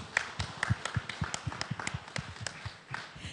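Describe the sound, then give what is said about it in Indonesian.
A smallish crowd at a morning gathering of radio broadcasters in Indonesia applauds with scattered, uneven claps, each sharp crack distinct rather than merging into a roar. The clapping is fairly quiet, steady for a few seconds, with no voices heard. “Boleh kita beri tepuk tangan yang meriah?”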